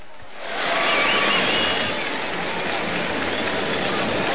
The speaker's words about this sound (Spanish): Escucha la ovación.